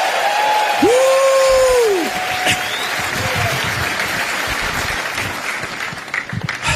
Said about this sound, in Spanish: Alguien péguele un grito de triunfo esta tarde.